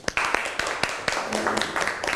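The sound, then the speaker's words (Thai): A class of students claps for a classmate in an uneven patter of quick, sharp hand claps over a couple of seconds, with a faint voice briefly in the background. “ขอเสียงปรบมือให้เพื่อนก่อนครับ”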